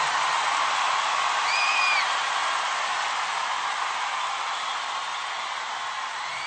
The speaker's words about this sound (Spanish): Denle un aplauso fuerte